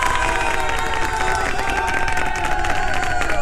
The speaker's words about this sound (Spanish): no podemos más que hacer que darte un gran aplauso por ser la ganadora en esta tarde y además también por reunirte con ese amor de tu vida, con tu mamá, para cantar el día de mañana. Un aplauso para ella.